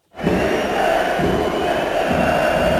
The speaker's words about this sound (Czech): Už při rozcvičce se spustil na Matěje Juráska z kotle pokřik, který pokračoval vulgárními výrazy. A když nová posila Sparty nastupovala zhruba čtvrt hodiny před koncem, ozývalo se z kotle, stejně jako při každém Juráskově dotyku s míčem.